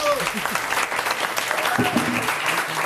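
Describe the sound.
An audience claps steadily throughout, a dense, even wash of applause with a few faint voices and cheers mixed into it.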